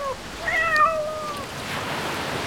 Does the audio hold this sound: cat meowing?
yes